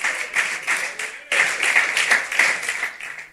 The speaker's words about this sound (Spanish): Pero también dele aplauso al Señor cuando está aquí en el culto. Alabe a Dios con esas manos. Bendito sea el Señor.